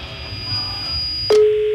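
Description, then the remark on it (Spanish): A telephone line tone on an outgoing call to a woman's phone: a faint high whine, then a click and a steady low electronic ringback tone that holds to the end, fairly loud, with no voices. “Bueno, está sonando el teléfono de la señora que tiene los perros en la azotea”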